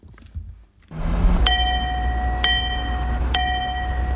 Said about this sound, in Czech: Dovolil jsem si takovou malou rozjívenost zaťukat na zvon bez srdce, který je na radniční věži v Třeboni.